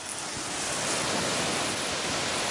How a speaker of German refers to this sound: hat im Gehege der Alpakas den Wasserschlauch schon in der Hand. Na dann. Kann losgehen. Okay, dann machen wir Wassermarsch.